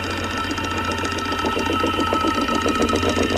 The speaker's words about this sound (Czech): A jo, je to datel. A ťuká si do rytmu Rádia 1.